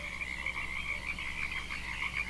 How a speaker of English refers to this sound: I'm listening to the birds, the frogs. They sound pretty copacetic.